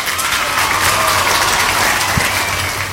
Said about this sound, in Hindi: बिल्कुल सही जवाब दिया है आप सभी ने, इसलिए आपके लिए बजाएंगी तालियां।